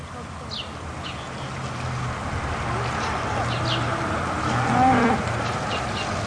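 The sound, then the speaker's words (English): Cattle on a family farm moo repeatedly over a steady outdoor background hum as they are being sold to market, several low drawn-out calls overlapping, with one louder bellow near the end. “It was the first time his family was selling cattle to market without him.”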